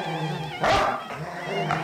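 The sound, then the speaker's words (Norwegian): Dogs bark in two sharp bursts a second apart, with a low rumbling growl and whining tones running between them, moderately loud. “Knurra hundene.”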